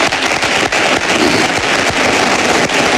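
audience applause

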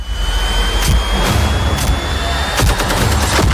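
gunfire

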